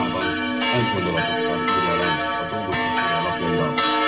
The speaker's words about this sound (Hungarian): Kettős ünnepre hívta a madéfalvi templom harangja a helyieket és meghívottjaikat vasárnap, ugyanis Jézus szíve búcsút ünnepeltek, de az ünnepen megáldották a felújított templomot és orgonát.